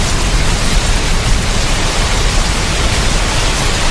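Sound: rain falling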